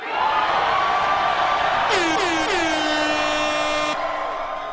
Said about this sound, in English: A little air horn there contributing to the energy in the room.